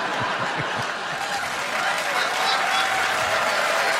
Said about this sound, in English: That's knowing the room right there. We're in Winnipeg. Yeah, oh, there you go. Yeah. Regina will really appreciate that applause break.